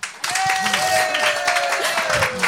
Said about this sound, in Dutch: En een van die 12 is de dame die naast mij zit. Geef haar een daverend applaus.